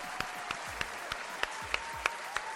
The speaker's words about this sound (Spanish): Pero es que llegó el ingeniero. Eso es de los hombres que sí resuelven. Un aplauso.